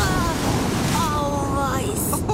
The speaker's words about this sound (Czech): Dala jsem si placák. Ale? Jak to, že je ta voda tak tvrdá?